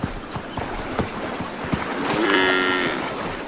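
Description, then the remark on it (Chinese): A buffalo from a herd back at the water's edge in the rainy season gives one drawn-out, low lowing call near the end, preceded by scattered soft knocks and thuds over a steady wash of background noise. “牛群又回到了水边，他们的队伍里有很多青少年，雨季给水牛群带来了丰富的馈赠。”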